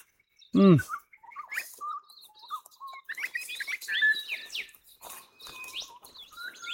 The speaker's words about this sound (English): Hear all this bird chorus we've got going here.